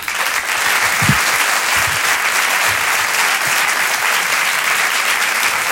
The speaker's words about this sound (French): Applaudir très fort, s'il vous plaît, Sébastien Marx.